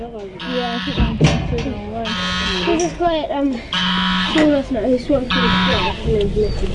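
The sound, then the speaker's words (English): A goose honks loudly and insistently, about four harsh, buzzy bursts in steady succession, with softer voice-like sounds between them. “That goose is really insistent.”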